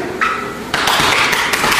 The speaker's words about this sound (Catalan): De fet, els cops aquests que escolteu no és que estiguin apallissant a ningú, és que, com ja sabeu, per mantenir la seva masculinitat ferma s'han de pegar molt fort l'un a l'altre quan s'abracen a l'esquena